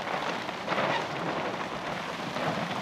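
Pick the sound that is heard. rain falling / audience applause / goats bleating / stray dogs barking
rain falling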